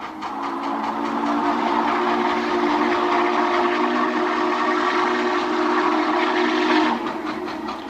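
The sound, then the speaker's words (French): A steam train whistle blows loud and sustained for about seven seconds, its steady layered tones ringing over the rumble and rhythmic chuffing of the train, then cutting off near the end. “Eh bien oui, dans tout bon western, eh bien, il y a le tchou-tchou, le sifflet de ce train à vapeur.”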